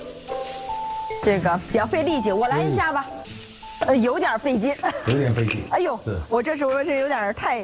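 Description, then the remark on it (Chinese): Steady sizzling as pork 'eight treasures' (猪八宝) are stir-fried in a small wok with a large spatula to remove their gamy smell, a constant hiss running underneath while people talk loudly and continuously over it. “大锅铲，小 炒锅，这是什么奇妙的组合？”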